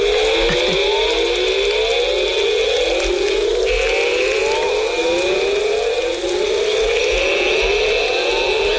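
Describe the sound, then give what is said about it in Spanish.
A dense rainforest chorus at nightfall in Tikal park, Guatemala, after a storm: overlapping, repeated rising siren-like calls sweep upward again and again over a steady, high-pitched insect drone, loud and continuous with no voices. “Mira, bueno, pues eso es en Guatemala, en el parque Tikal. Al caer la noche, un día que después de una tormenta empezaron a...”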